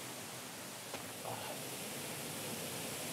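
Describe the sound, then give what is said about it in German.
A steady, full-bodied rush of falling water from the Grunas waterfall fills the whole recording, constant, with a faint brief tap partway through. “Und hier bei diesem Grunas Wasserfall hat Instagram auf gar keinen Fall zu viel versprochen.”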